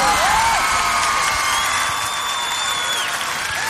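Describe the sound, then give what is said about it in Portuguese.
A church audience at a morning service applauds Jesus in a steady, dense wash of clapping that holds at an even loudness, with a few high whistles and cheers rising above it. “Então dá o aplauso que Ele merece.”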